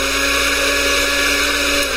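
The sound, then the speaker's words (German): An empty kitchen blender runs at a steady, loud whir, its motor droning with a constant buzzing hum for the whole two seconds and no voices over it. “Warum läuft denn jetzt der Mixer? Da ist nicht mal was drin.”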